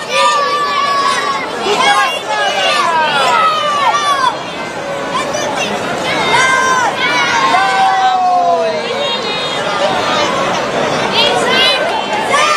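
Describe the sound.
A big crowd of children shouting and chattering over one another at the Far Village during the 2026 Mediterranean Games, high excited voices rising and falling continuously, loud throughout.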